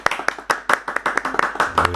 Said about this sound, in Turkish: Harikaydı. Alkışlayalım mı?